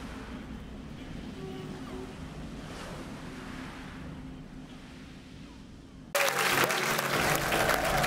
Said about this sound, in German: Ein Motorboot? Nein. Ein Ruderboot? Ja. Kaum zu glauben.